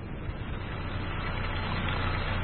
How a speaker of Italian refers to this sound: Aspetta, aspetta, registriamo la sorgente. Il rumore della sorgente.